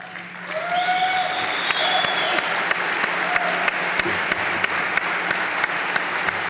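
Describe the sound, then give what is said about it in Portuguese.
A crowd breaks into sustained applause, dense clapping at steady volume, with a few whoops and cheers rising briefly near the start. “Palmas para as palavras do herdeiro de Roberto Martínez”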